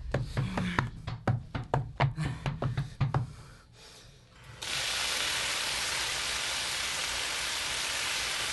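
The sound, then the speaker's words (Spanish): About a dozen quick, heavy thumps and clatters come first, then a short lull, then a loud, steady rush of water poured out of a bathtub in a torrent onto a burning bed, splashing to the end. “¡Echarle a la bañera y dejar caer agua sobre ella!”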